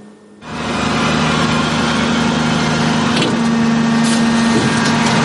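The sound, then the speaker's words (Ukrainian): A Caesar self-propelled howitzer of the 148th Air Assault brigade starts its engine droning after a brief moment of near quiet, then runs loud and steady, with a low humming tone and a couple of faint knocks partway through. “Репортаж про роботу самохідних артилерійських установок «Цезар» 148-ї бригади ДШВ далі в ефірі”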